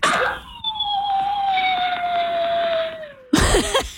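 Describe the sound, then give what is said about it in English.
Fred, a big two-year-old dog, a Pyrenees crossed with a retriever and maybe part husky, lets out one long, mournful howl, a steady, fairly high tone that slowly sinks in pitch over about three seconds before breaking off into a short burst of noise. “Yes, he's a, we think, Pyrenees crossed with a retriever, maybe a little bit of husky because he howls when we're not home sometimes.”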